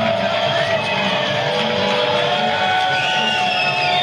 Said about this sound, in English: Crowd trying to get loud here in Wilson and encourage the home team to go back to the dugout for its chance to hit.